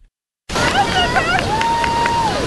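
A small group of people cheers and whoops over a steady wash of surf, with short rising yells and one long, high, sustained shout that holds before dropping away.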